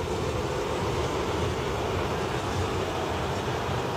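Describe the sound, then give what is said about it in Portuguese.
A large crowd of Grêmio fans at the arena boos and curses as Grêmio lose the match, in a dense, unbroken roar that holds steady and loud throughout, with no single voice standing out from the mass of sound. “Muitas vaias, torcedor tá xingando bastante o Luiz Cássio, tá mostrando aquele dedo, tá fazendo sinal para ele, o gesto claramente, CCD, é no Luiz Castro.”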